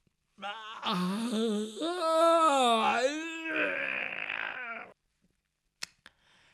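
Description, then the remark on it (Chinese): A man's voice imitates the character Jin Gongzi's long, drawn-out yawn with a stretching groan in his room at daybreak, the pitch swooping up and down for several seconds. It is loud, followed by silence and a couple of faint clicks. “鸡叫三遍，天亮以后，听见那金公子在那屋里边打哈欠伸懒腰。”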